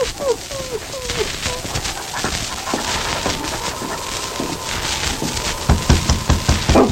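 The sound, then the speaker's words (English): A Mountie's dog named King barks and yelps in short, rising cries near the start, then keeps up scattered vocalizing over a steady, noisy background with faint clattering toward the end. “Hey, King. Quiet, boy.”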